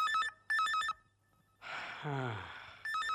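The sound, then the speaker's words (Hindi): A telephone bell rings in quick repeated bursts, pauses while someone lets out a breathy sigh, then starts ringing again, loud. “लो फिर से फोन की घंटी बजी।”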